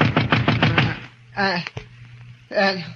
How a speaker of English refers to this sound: Then I fell into a deep sleep. And then a knock on the door wakened me.